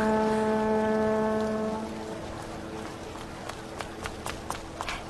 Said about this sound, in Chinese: 老公，你看，江上来了好几船人。